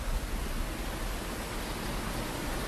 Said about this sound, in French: Et je ne sais pas si vous entendez, mais on entend cette différence avec la rivière qui est un petit peu plus complexe et du coup qui a des mini-chutes qu'on entend un petit peu au micro.